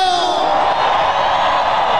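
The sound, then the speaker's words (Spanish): A concert crowd at the Zócalo in Mexico City shouting and cheering loudly at night, a dense, sustained roar of many voices with whoops rising above it, steady for about two seconds. “Ese grito a la gente, que la gente que viene desde abajo, ¡ese grito!”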